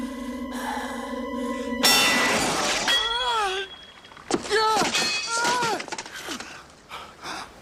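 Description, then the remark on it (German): A sword shatters in a sudden, loud metallic crash that breaks a steady droning tone, followed by ringing debris and wavering, swooping vocal cries. “Merlin, what have I done? You have broken what could not be broken.”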